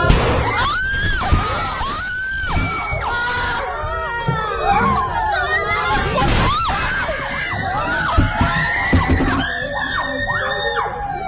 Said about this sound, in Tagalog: May nangyari kasing pamamaril sa loob mismo ng eskwelahan. Sa isang video nakuha sa loob ng isang classroom, maririnig ang iyakan ng mga estudyante. Maya-maya, magugulantang sila sa putok ng barila.